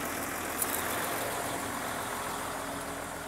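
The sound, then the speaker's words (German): A truck loaded with fine playground sand for elephants idles steadily and continuously, a low rumbling drone with a constant hum, unchanging throughout, with no voices. “Und was ist da genau drauf auf dem LKW?”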